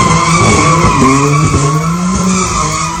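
Car tires screech continuously while a pink BMW does donuts at an illegal car meet in Southampton, surrounded by crowds of people, with a loud revving engine rising and falling underneath, sustained over the whole stretch.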